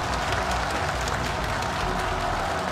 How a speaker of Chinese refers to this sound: 掌声有请中国国家博物馆研究员陈履生先生，有请。